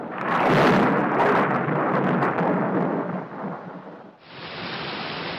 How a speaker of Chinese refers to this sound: 有一天下午，这里突然下起了暴雨加冰雹，此时在树下玩耍的孩子们急忙躲入树洞里。